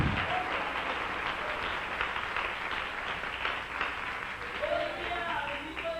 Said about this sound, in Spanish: Dele un aplauso al Rey en este día precioso. ¡Aleluya!